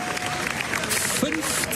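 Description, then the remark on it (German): A large audience applauding at the Venice Film Festival for the film Bunker, with Penelope Cruz and Javier Bardem, directed by Florian Zeller, in an ovation lasting 15.5 minutes: a steady, dense wash of clapping, with crowd murmur and a few voices mixed in, holding at an even, fairly loud level throughout. “15,5 Minuten Applaus gab es für den Film Bunker mit Penelope Cruz und Javier Bardem von Regisseur Florian Zeller bei den Filmfestspielen in Venedig.”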